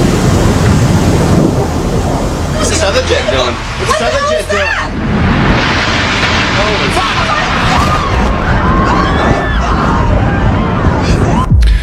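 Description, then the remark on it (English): Heavy, thunder-like rumbling from an explosion inside the World Trade Center building that took out about six to seven floors. A loud continuous roar with deep low-end booms, while agitated voices and shouts of people running up the street rise and fall over it. “That is the sound. About 6-7 floors were taken out. And there's more explosions right now.”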